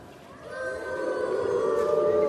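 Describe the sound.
Several children's voices imitate an elephant's trumpet together, a sustained, wavering toot that swells louder over about two seconds and holds steady to the end.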